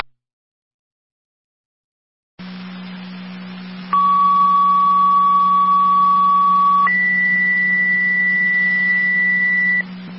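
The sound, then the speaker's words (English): Fire dispatch alert tones over a radio channel for a fire alarm activation at Precious Plate, 2124 Liberty Drive: a steady lower tone holds for about three seconds, then jumps to a higher sustained tone for about three more, loud against background hiss and hum. “Repeat, Burkholz, additional tones for the fire alarm activation at Precious Plate 2124 Liberty Drive.”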